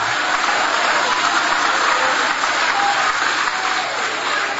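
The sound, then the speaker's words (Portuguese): An audience applauds God during a worship service in a steady, dense wash of clapping that holds at an even, fairly loud level for several seconds, with no clear voices rising above it. “Aplaude a Ele, adora o nome dEle, glorifica o nome dEle.”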